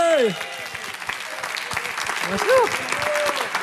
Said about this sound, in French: Bravo. Continuez à applaudir pendant que je branche le truc.